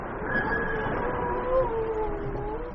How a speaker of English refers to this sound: Surely the nature of this rudimentary whale dialogue is at last conclusive proof that there is a creature as intelligent as man himself. Or, if you like, as stupid.